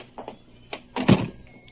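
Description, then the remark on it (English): A door opens and closes: a few light clicks and rattles, then one solid, low thunk as it shuts, followed by quiet. No one speaks. “Come, I'll walk to the door.”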